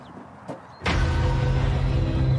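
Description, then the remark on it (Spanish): After a brief click and near-silence, a hydraulic rescue cutter's motor starts up abruptly and runs loud, a steady droning whir with a low hum that continues to the end, as the tool is tested on a cow bone. “Dan prueba la herramienta con un hueso de vaca”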